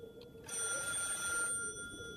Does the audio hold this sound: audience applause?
no